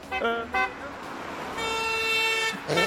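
Car horns honk repeatedly at a roadside where people sit with a flag reading 'you honk, we drink': two short toots followed by a longer sustained blast, then another brief honk, with a faint road hum underneath.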